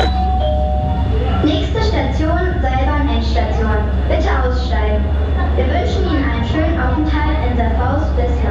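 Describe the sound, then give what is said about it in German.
A station announcement over a loudspeaker, opening with a short chime, plays against a steady low rumble at the terminus of the Serfaus underground railway. The voice is continuous and somewhat reverberant. “Hier an der Endstation der U-Bahn Serfaus steigen wir gleich in die Seilbahn und stürzen uns dann ins Wintervergnügen.”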